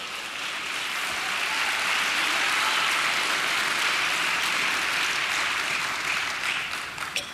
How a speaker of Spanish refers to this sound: Vamos, dele palmas al Señor.